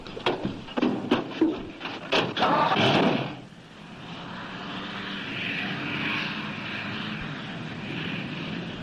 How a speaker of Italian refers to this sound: È il furgone che urla per lei. Infatti guardate quanta sabbia che solleva adesso.